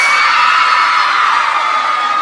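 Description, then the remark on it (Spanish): A live audience of women at a music show recorded live screams loudly and continuously, a dense, high-pitched roar of excited voices that holds steady for a couple of seconds with no talking over it. “Quiero escuchar el grito de todas las mujeres calientes.”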